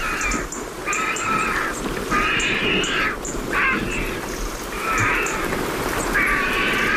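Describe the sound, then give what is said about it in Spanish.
Vultures give harsh, raspy cackling calls in about six repeated bursts while drying their feathers after a downpour among holm oaks in the late afternoon, over a constant rain-like hiss in the background. “al fondo se están secando las plumas, los buitres. Ahí están. Con ese cacareo y una garza real.”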